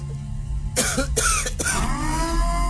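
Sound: coughing and throat clearing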